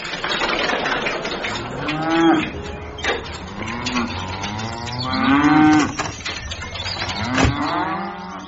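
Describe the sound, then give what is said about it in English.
Several long, drawn-out moos from a cow outside rise and fall over a few seconds, loud, some overlapping as if more than one animal is calling, with faint background noise between them. “what was that you were doing to that cow outside?”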